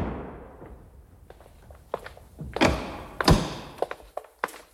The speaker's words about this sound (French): Quelques secondes après, la porte s'ouvre sur un immeuble chargé d'histoire.